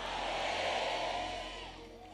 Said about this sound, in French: Est-ce que tu peux crier avec moi Amen.